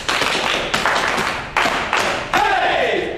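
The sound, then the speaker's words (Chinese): A group breaks into steady applause for group leader Zhang Biao, a dense crackle of many hands clapping that swells in fresh bursts about every second and keeps going without letting up. “哎，给张彪组长鼓掌。”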